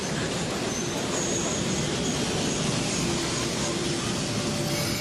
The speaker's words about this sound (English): Here's our train, Dad. Let's go.